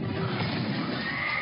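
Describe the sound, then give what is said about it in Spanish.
A horse neighs loudly, a sustained whinny with a bright, wavering pitch that carries over a dense background rumble, lasting the whole short moment. “Miré y vi un caballo blanco.”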